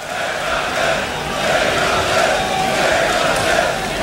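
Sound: festival crowd chanting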